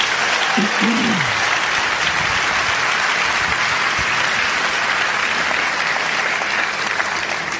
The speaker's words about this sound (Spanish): Dar un aplauso a Cristo. Quiero oír ese aplauso.